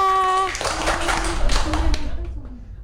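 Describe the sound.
Children clap their hands in a quick, uneven burst of overlapping claps that fades out after about a second and a half, with voices murmuring underneath and a brief sustained tone at the start.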